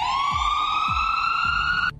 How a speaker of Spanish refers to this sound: ¿Una sirena de una patrulla? No. Sí, es una sirena de una patrulla, de una ambulancia. De una ambulancia, sí